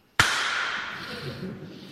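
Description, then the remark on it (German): A single sharp, loud crack of an orchestral whip (Peitsche), the instrument used for the tragic ending of Paul White's Mosquito Dance, snaps out of silence, leaving a bright ringing tail that slowly fades while faint low tones murmur underneath. “Mit diesem Instrument, der sogenannten Peitsche.”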